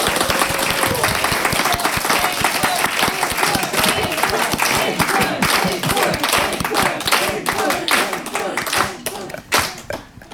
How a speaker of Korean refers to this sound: 그리고 연주자들께 다시 한번 박수를 보내고 싶습니다.